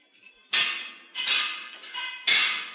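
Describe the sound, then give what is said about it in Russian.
Hammers and crowbars bang against a locomotive monument as people pull it down to the ground, in three or four heavy, irregularly spaced blows. Each clang rings out bright and metallic before fading, with no voices. “я вижу, туда приволокли ломы и молотки.”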